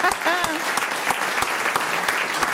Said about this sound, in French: On peut vous applaudir, c'est vrai. Je vous ai coupé les applaudissements.